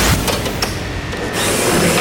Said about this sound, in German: Laute Motoren, Benzin in der Luft und am Strassenrand gute Stimmung. Das ist das Bergrennen Reitnau, das am Sonntag zum 57. Mal stattfindet.